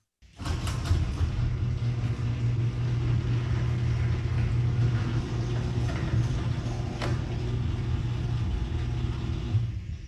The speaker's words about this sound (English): play what my garage door sounds like now with the 10 premium nylon rollers.